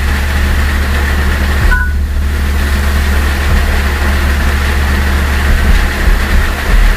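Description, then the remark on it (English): A quick two-tone iPhone screen-lock chirp from iOS 10, short and mid-pitched, sounds once over the steady low rumble of an idling car engine; no one speaks. “Yeah, that little chirp you just heard, that's the iPhone in iOS 10. Instead of saying screen locked, that's what they have it do now.”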